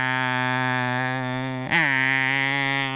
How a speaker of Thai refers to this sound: จักจั่นพวกนี้มันก็เจาะเปลือกต้นไม้ทะลุไปดูดกินน้ำจากต้นไม้ที่อยู่ภายในต้นไม้ตัวผู้มันจะทำเสียงแข่งกันที่เราได้ยิน